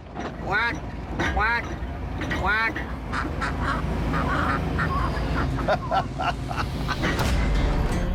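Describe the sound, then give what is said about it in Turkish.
Three loud, nasal duck quacks ring out in the first few seconds. They come from a person imitating a duck to talk to ducks, followed by a steady noisy background with scattered short sounds. “Şimdi ördeklerle iletişim kurup çok yakında bir göletleri olacağını söyleyeceğim.”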